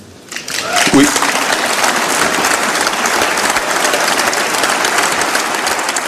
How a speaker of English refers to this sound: Prime Minister Mark Carney getting applause in Strasbourg, France this morning. He's speaking before the European Parliament as it seems like the European Union wants Canada as an associate member.